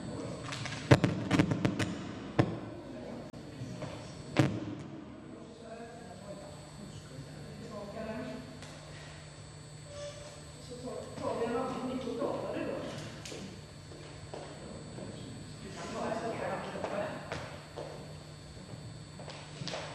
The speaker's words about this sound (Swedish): Mikrofoner brukar inte bära sig åt på det viset. När man, inte så, det brukar dunka lite när man tar ur det ur stället, men inte så in i Norden.